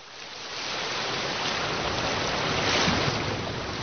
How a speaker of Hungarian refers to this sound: Hallgasd a tengert!